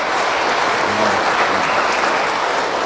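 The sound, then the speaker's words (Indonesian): Sustained applause from a crowd for the children, a dense steady wash of many hands clapping at an even loudness for about three seconds, with no one speaking over it. “Kita tepuk tangan dulu untuk anak-anak mereka ini hari, ya.”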